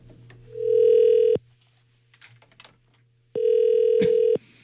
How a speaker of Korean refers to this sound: 자, 신호 가고 있습니다. 세탁소 사장님이시라고 하시는데. 자, 신호 가고 있어요.